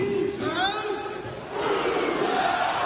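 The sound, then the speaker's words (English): A large crowd at a basketball court chants in unison, loud and sustained: a shouted "Who's House" followed by a second, louder massed "Cougs House" response over constant crowd roar. “Being able to get onto court and lead the Who's House, Cougs House chant was just an absolute dream come true.”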